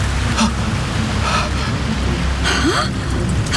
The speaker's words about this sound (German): Brandungsgeräusche! Wellen schlagen an einen Strand! Da! Da muss irgendwo Land sein!